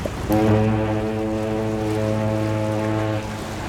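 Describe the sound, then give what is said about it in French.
A deep boat horn blasts once and holds a steady, rich low tone for about three seconds before cutting off, loud with no voices, as the boat departs to take passengers home. “Le lendemain, toute la petite bande retourne prendre le bateau pour rentrer à la maison.”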